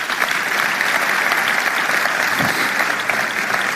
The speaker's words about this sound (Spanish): Pueden darle un aplauso al Señor por eso.